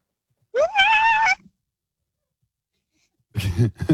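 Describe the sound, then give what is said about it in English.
A voice imitates an elephant seal riding a roller coaster: a loud, rising, wavering cry lasting under a second, then silence, then a rougher, gravelly burst of vocal noise. “Okay, I would like to hear an elephant seal on a roller coaster, please.”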